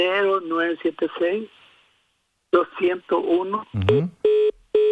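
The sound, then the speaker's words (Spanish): Voices talk over a phone line, then the call drops because the caller's phone credit ran out, and a series of steady electronic beeps sounds alone, loud and evenly spaced, like a disconnect or dial tone. “Ahí se le cortó, se le acabó el saldo.”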